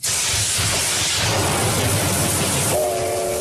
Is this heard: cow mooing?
no